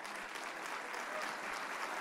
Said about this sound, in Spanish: Sí, ese aplauso es para Jesús.